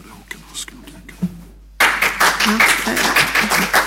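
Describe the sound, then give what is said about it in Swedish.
Audience clapping bursts in abruptly after a quiet stretch of faint murmuring, then continues as a steady, dense patter of many hands until the end. “Det var bra att ni kom ihåg att klappa i varje fall.”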